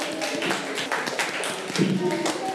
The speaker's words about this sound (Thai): เก่งมากค่ะกลับไปนั่งที่ค่ะปรบมือให้ตัวเอง